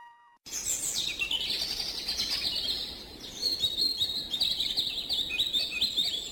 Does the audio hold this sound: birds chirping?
yes